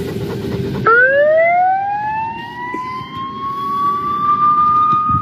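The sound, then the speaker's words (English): An emergency siren in a children's playground abruptly starts and winds up, its loud, steady tone climbing in pitch and then holding a sustained wail over low background rumble, with no one speaking. “Let's put sirens in their park?”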